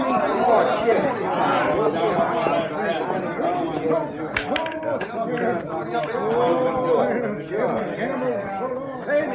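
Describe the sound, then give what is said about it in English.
Dense crowd chatter fills the whole stretch, many overlapping voices murmuring and talking at a steady, fairly loud level with no single voice standing out, plus a brief sharp knock midway. “Some crowd, huh?”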